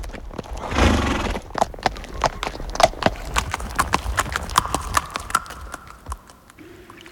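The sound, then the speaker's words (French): Horse hooves clip-clop at a steady, even pace, crisp, after a short burst of noisy sound at the start; a faint tone hums beneath the later steps. “cyclope qui dit clope, cheval aux longues oreilles. Emporte-nous vers le silence du pôle Nord, le pays de la neige.”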